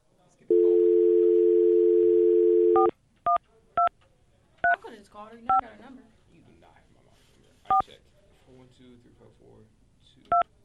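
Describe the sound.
A steady telephone dial tone hums for about two seconds, then stops, followed by six separate keypad dialing beeps spaced unevenly as someone dials a phone to call their mother, with someone talking quietly between the tones.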